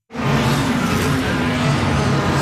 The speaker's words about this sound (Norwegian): Det er lyden av verdens raskeste Formel 1-biler